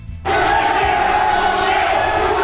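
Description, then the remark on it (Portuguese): A crowd shouting and yelling together in an angry, sustained roar that bursts in after a brief quiet moment and stays loud and dense throughout, during a brawl involving Santos and Neymar against a club from Pará, Brazil. “Aí vocês estão vendo o momento da gritaria, ó.”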